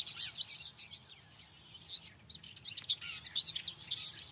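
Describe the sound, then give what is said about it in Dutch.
A yellowhammer sings, heard during a walk near the Beethoven Museum in Vienna: a quick run of repeated high, bright notes ending in a long drawn-out whistle, then more rapid chirps and another repeated phrase, with no voices present. “En tijdens een wandeling in de buurt van het museum hoort de verslaggever die geelgors.”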